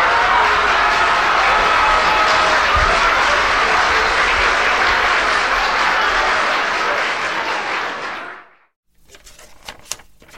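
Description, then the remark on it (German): A loud, dense burst of recorded crowd applause, played by pressing a button, lasts about eight seconds, then cuts off abruptly as if switched off, leaving only faint rustling and small knocks afterward. “auf dem Knöpfel ist dort Applaus. Druffdrucke”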